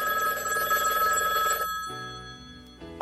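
A telephone bell rings with a fast, trilling rattle for about a second and a half, then cuts off, leaving quieter sustained tones before a sharp click at the end.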